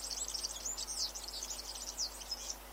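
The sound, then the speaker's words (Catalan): A European serin (Serinus serinus) sings a rapid, continuous jingle of high, thin, buzzy chirps and trills, fairly faint, with no voices present. “Gafarró, Serinus serinus. Au amb tonalitats groguenques que viu tot l'any als camps i zones de conreu.”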